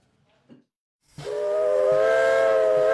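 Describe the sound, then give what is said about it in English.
A steam train whistle sounds out after a second of near silence on the Brecon and Merthyr railway line in Wales, a loud sustained chord-like blast with a breathy hiss, holding steady to the end alongside faint rhythmic chuffing. “There's been railway traffic on the Brecon and Merthyr line since 1859. And while steam may be holding back the march of time in Wales, politics is not.”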